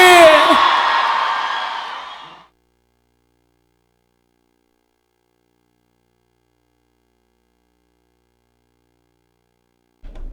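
A loud burst of applause and cheering shouts that fades out within about two seconds, followed by a long stretch of silence.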